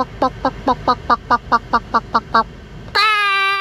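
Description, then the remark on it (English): A person imitates a chicken with about eleven quick, evenly spaced clucks, then pauses briefly and ends on a loud, sustained, high-pitched squawk. “Maybe jump in, give your best chicken bawk.”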